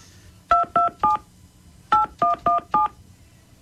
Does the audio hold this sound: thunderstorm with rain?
no